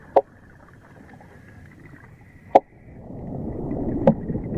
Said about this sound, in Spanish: En las praderas de Posidonia resuenan los caballitos de mar, a base de hacer entrechocar dos huesos especiales del cráneo.